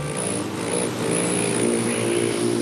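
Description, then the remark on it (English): A steady buzzing whir of a male rufous hummingbird's wings in flight, loud and unbroken with a faint motor-like hum, no voices present. “Don't be fooled by the gentle whirring sound of a hummingbird in flight.”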